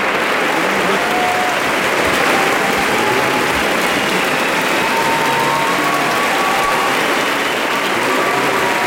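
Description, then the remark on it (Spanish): Sustained, dense applause from a large audience in a theatre at a preview performance for young people under 30, steady and loud throughout with no pauses, a continuous wash of many hands clapping at once. “Estamos escuchando un aplauso interminable, un aplauso que se produjo en varios momentos de la representación de este, digamos, preestreno para jóvenes, para menores de 30 años anoche.”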